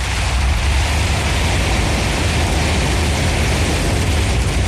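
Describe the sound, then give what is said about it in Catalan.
A car drives up a street in a village through heavy rain on a flooded street, a loud, unbroken roar of water and road noise over a deep rumbling engine, with no voices. “Però també vaig voler fer algun vídeo conduint carrer amunt.”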